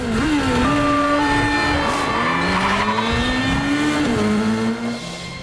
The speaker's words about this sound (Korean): 경찰 차량들은 하나 둘 합류해 점점 수가 늘어나고 에단은 개선문 원형 교차로에 진입한다. 에단이 개선문을 옆에 두고 차들을 피해 빙글빙글 돈다.